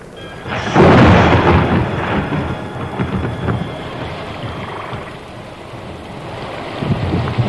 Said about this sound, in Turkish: Aman ya Rabbi, yağmur başladı. Çöle yağmur yağıyor. Mübarek seferdir bu sefer. Mucize! Mucize bu!